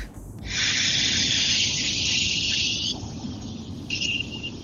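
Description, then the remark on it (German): A long, steady, loud hiss that lasts about four seconds and dips slightly in its last stretch. It is a man's voice imitating air escaping from a car tyre, sent as his exhaling sound to MDR Jump radio while driving from Schwäbisch Gmünd towards Bad Reichenhall. No one speaks. “Und ich fahre Auto und jetzt habe ich mal die Luft aus meinem Reifen gelassen.”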